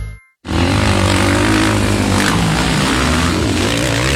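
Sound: speedway motorcycles racing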